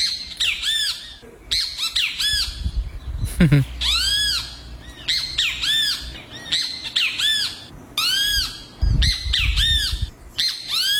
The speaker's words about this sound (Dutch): Als je dit hoort, dan is de dag toch al meteen goed begonnen. Dit is toch fantastisch. Dit is een grietjabi. Dat is een kleine vogel. En die maakt dit geluid. Ja. 'S ochtends.